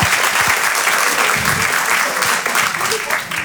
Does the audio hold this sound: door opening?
no